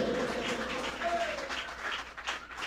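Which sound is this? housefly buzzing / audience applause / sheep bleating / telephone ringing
audience applause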